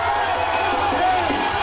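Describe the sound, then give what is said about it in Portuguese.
A packed bar full of Brazil football fans watching a World Cup match roars with excited cheering and shouting, a dense, steady wall of crowd noise with overlapping voices throughout the short stretch. “E a empolgação era tanta que o bar parecia arquibancada.”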